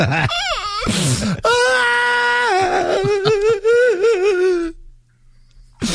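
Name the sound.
woman crying and whimpering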